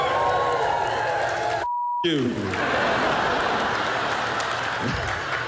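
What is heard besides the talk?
audience cheering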